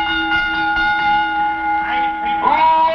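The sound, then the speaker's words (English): A bell rings out before a match in front of a crowd, with a steady, resonant tone that sustains for several seconds, fairly loud, over some faint background noise. “Bell me.”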